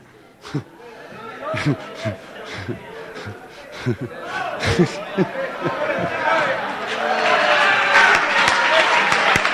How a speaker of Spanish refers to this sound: Hombre de Dios, hermano, denle un aplauso a su pastor.